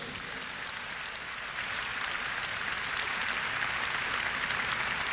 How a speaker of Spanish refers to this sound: Un aplauso a Dios que tanto nos quiere.